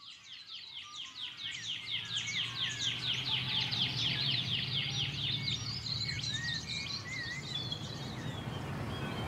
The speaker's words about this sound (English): I can hear the partalote, but that sort of pew, pew, pew, pew. Yeah, I think that might be a shining bronze cuckoo. Ah. Because they got lots of different calls.